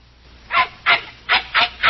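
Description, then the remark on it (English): A shaggy little dog barks five times in quick, fairly even succession, each yap short and high-pitched, after a brief moment of quiet. No voices are heard. “With considerable opposition from a shaggy little four-legged lump of trouble, this is Studio One at CBS.”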